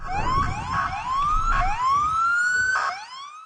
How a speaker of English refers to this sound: Sirens rang out as police officers and other law enforcement agents converge after reports of multiple shots fired near the White House.